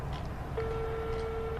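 A single steady ringback tone sounds for about a second after a mobile phone is dialed, a clear, moderately loud electronic hum over a low background rumble, with no voices.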